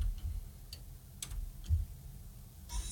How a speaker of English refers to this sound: You want to test that timer before we go further? It says it's doing its thing.